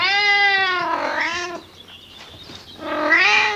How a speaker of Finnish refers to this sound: Onneksi minulla on tämä hassu kisu seuranani.